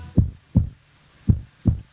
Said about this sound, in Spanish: Estamos latiendo. Escuchá cómo laten los corazones, escuchá.